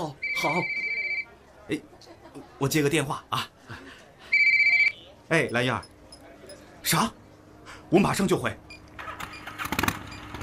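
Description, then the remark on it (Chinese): A telephone rings in two short bursts of steady electronic tone a few seconds apart, fairly loud, with people talking in between and after. “哎，我接个电话啊。”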